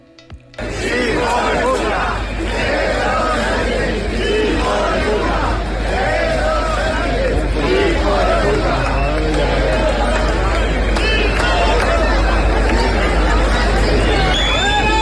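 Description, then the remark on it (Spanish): A large crowd boos, whistles and jeers loudly and without letup as Sánchez arrives near Plaza Neptuno shortly before 11 a.m., a dense wall of shouting voices that starts abruptly and holds steady for the whole stretch. “Creo que no necesita mucha explicación ese abucheo, y pese a los intentos por tratar de que esto no se escuchara, se alejó el vallado público, la bronca volvió a intensificarse durante un saludo oficial, eso sí, muy distante.”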